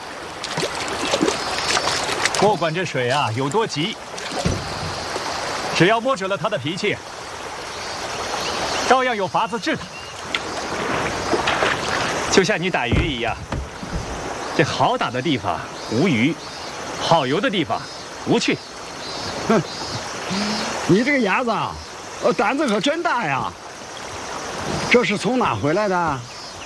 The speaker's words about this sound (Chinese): 刚下过暴雨，这江水啊，这么急，你不坐船，偏要游水。